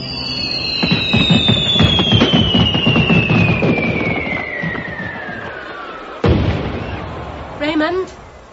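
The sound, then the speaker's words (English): Fireworks go off as the touch papers are lit: a long falling whistle over dense crackling pops, then a single sharp, loud bang, followed by a few more short whistles and crackles. “Start the fireworks. Get going. Light the touch papers.”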